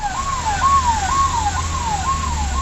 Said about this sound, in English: An ambulance races to the site of the blast.